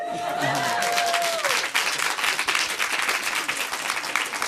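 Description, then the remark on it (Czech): An audience breaks into loud, dense applause, many hands clapping steadily for the whole stretch, with a brief high whistle-like cheer near the start. “Takže obrovský potlesk taky pro festival Povaleč”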